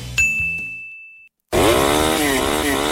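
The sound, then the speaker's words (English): In an advertisement for Steel power equipment from Superior Small Engines, a bright ding rings out and fades, then after a brief silence a chainsaw engine roars in loudly, revving with its buzzing pitch repeatedly rising and dipping. “Steel is the number one selling brand of handheld power equipment in the United States.”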